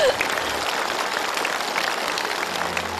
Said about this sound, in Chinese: 我们再次用掌声祝贺他们同心团圆。